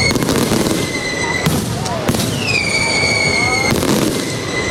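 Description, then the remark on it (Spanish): A fireworks display launched from the fairground to close the Feria de Úbeda 2026: repeated loud bursts every second or so, with sustained whistling tones gliding between them and a constant crackle, continuous throughout. “Y por San Francisco, los fuegos artificiales para despedir la Feria de Úbeda 2026.”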